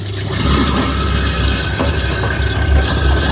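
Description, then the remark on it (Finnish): A food-waste grinding mill runs steadily with cold water running into it while bio-waste is pushed in with a spatula, a loud, continuous mechanical whir and rumble with a droning hum and faint rattling, no voices, lasting throughout. “ja pitkälti sujuu niin, että laitetaan kylmää vettä sinne, laitetaan masina pyörimään ja mulla on tällainen oma spatula, mikä ikinä tämän suomeksi onkaan, niin tällä tungen näitä biojätteitä sitten tuonne myllyyn.”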